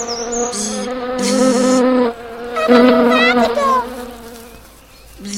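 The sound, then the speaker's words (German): A small ladybird's wings buzz in a steady, low droning hum that swells in two long bursts, wavering slightly in pitch, then trails off into quieter humming. No one speaks. “Ja, jetzt sehe ich es auch. Ein kleines Marienkäferchen.”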